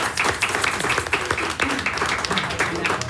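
Audience applause: a dense, steady patter of many hands clapping at once, fairly loud and sustained across the whole moment, with faint voices mixed in underneath.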